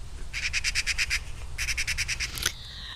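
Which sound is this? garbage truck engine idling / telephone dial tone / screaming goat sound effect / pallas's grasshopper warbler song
pallas's grasshopper warbler song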